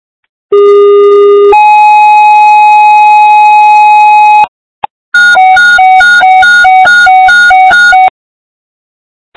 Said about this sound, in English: Westfire, Westfire, standby for tones.